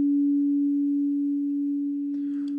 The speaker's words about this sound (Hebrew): אגב, הצליל הטהור של 285 הרץ נשמע כך. זה הגרסה המסונטזת שלו, הנקייה, 285 הרץ. זה צליל שיוצא בין רי לדו דיאז, ממש בין לבין.